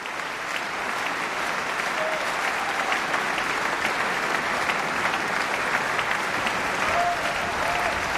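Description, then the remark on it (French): A concert audience applauds the Orchestre de la Suisse romande after a Bartók work, with sustained, dense clapping that stays steady and loud throughout, a continuous wash of hands with no pauses and no talking. “L'orchestre de la Suisse romande qui est vivement applaudi.”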